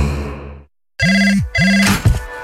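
A telephone rings twice in quick succession with an incoming call, each ring a bright, buzzing electronic trill, loud, after a brief fade-out of music and a moment of silence.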